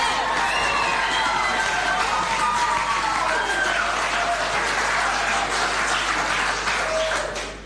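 Loud, sustained applause from a large crowd fills the whole stretch, with sharp whistles and cheers rising above the clapping before it starts to fade at the very end.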